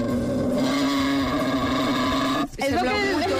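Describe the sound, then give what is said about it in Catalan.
A wild boar grunts in a low, continuous, rumbling growl that sounds almost like an idling engine. It breaks off briefly near the end, then resumes with a rising, wavering snort. “Sorollet de Senglar per començar el matí.”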